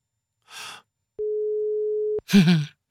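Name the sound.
telephone ringback tone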